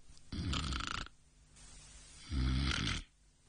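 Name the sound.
imitated snoring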